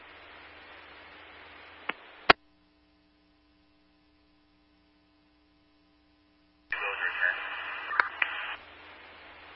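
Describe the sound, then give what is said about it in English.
Hissing police radio static starts and stops with sharp clicks. A low hum fills a quiet gap, then a louder, harsher burst of crackling static with faint tones returns before settling back to steady hiss. “Listening through the static, I believe I found the correct vehicle.”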